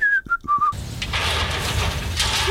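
A few short, clear whistled notes in quick succession, then a wash of broad background noise takes over, with a faint rising whistle slipping in at the very end.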